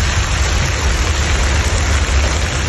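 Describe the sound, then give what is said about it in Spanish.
Heavy rain from a thunderstorm on a Saturday or Sunday afternoon in Navarra pours down in a dense, unbroken hiss, with a steady low rumbling undertone beneath it. The sound stays loud and even throughout, with no voices. “Todo esto después de un fin de semana de contrastes en Navarra, temperaturas muy elevadas durante las horas centrales del día y con tormentas que ganaron protagonismo por la tarde del sábado y domingo.”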